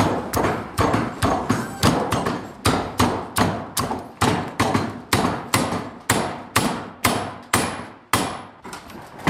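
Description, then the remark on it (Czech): A water-wheel-driven forge power hammer pounds in a steady, rapid rhythm, about two heavy metallic blows per second, each a loud sharp thud with a ringing tail, continuing without pause and with no voices. “Teď rozjedem kladivo.”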